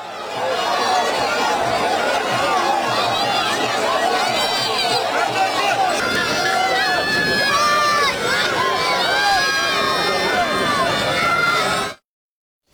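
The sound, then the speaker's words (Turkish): A dense crowd of fans cheers and shouts together after a team training session as the players and coaching staff come over to them, many overlapping voices forming a loud, continuous roar that swells into rising chant-like calls before cutting off abruptly. “Tezahüratlara alkışlarla karşılık veren oyuncular fotoğraf çektirdi ve formayla çeşitli ürünleri imzaladı.”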